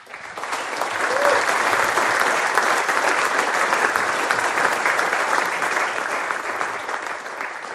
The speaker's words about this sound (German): Ja, schön, dass ihr schon klatscht. Ich weiß doch gar nicht, um was geht, aber danke von meiner Seite.